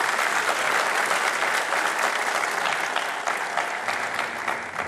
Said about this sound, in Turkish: İşte TOKİ Başkanımız var, Kentsel Dönüşüm Başkanımız var, yine daire başkanlarımız var. Onlara sizlerden kuvvetli bir alkış istirham ediyorum.